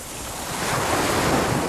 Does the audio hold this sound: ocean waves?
yes